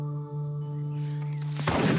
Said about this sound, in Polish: Strzał. Echo roznosi się po okolicy. Po chwili drugi.